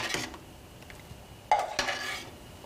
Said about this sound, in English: So we will begin to just kind of pour our cornstarch mixture over our berries. A lot of juice in here. We want to thicken that up. We're just going to kind of just pour it around a little bit and then just stir this around to thicken our berries up.